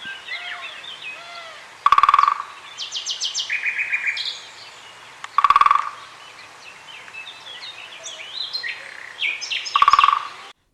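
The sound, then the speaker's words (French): Three short, rapid drumming rolls from a great spotted woodpecker ring out several seconds apart, each a sharp burst of knocks, with other birds chirping and singing steadily in the background. “Je ne vous ai pas encore parlé d'un drôle d'oiseau, c'est le cas de le dire. Le pique-et-pêche.”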